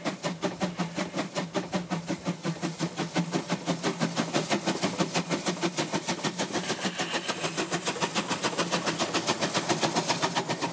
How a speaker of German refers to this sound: Hinter uns liegt die Anfahrt in Seerams. Nun geht es wieder hinauf nach Silwitz, wo die Lok wieder mehr Dampf braucht.